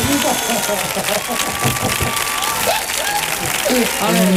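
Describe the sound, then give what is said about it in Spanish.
An audience breaks into loud, sustained applause for a singer on Comandante Lara's show, a dense, steady wash of clapping that holds for several seconds, with voices and shouts mixed into the crowd noise. “Fuerte el aplauso para ….”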